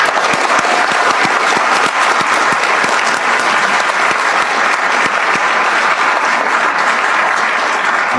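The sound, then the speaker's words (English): A large audience claps steadily and loudly for several seconds, a dense, sustained wash of applause with many overlapping hand claps and no voices standing out. “If we could give a four round of applause.”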